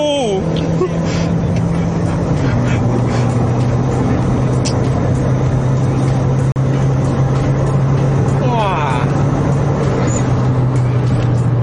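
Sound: car driving on road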